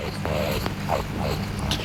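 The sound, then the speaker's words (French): A low, rumbling growl of a rakali, or Australian water rat, an amphibious mammal of riverbanks, holds steady for about two seconds, fairly loud, with a few rising and falling whiny tones over the gravelly drone. “Oh zut, le grognement d'un racané.”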